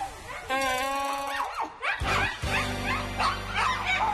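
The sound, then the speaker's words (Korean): Dogs bark repeatedly in a loud flurry that fills a village neighborhood, with high whining yips at first, then a rapid run of sharp overlapping barks that keeps going to the end. “개 짖는 소리에 온 동네가 떠들썩합니다.”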